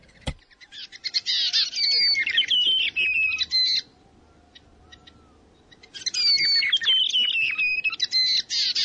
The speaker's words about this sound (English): Peppa Pig, the brown creeper, RNZ National.